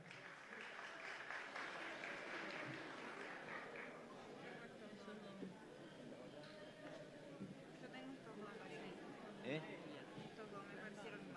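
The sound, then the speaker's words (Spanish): A crowd claps steadily and densely, loudest at the start, then continues as a softer wash of applause with murmuring voices and a few cheers mixed in, as an audience applauds contestants one by one. “Bueno, vamos a, obviamente que un aplauso fue, ¿qué más sonó?”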